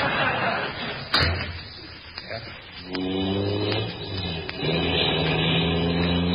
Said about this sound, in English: Can't the car go any faster? Wait till I get it in third. It'll go faster, but I'm too tired to get out and push.